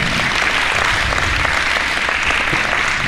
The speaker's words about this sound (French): Et bien voyez, c'est à la fois très simple, on peut l'applaudir cette petite jeune fille-là.